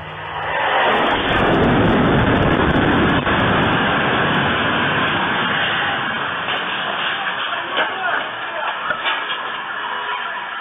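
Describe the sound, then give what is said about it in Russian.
A Russian jet-powered Shahed drone roars overhead, its loud, steady rushing whine swelling within the first second and holding for about ten seconds with slight wavering near the end. “Вчера нас всех вряд ли удивило, что после внезапного, но очень важного поста американского президента о том, что он добился энергетического перемирия между Россией и Украиной, в ту же самую минуту в нашем небе летали российские реактивные шахеды.”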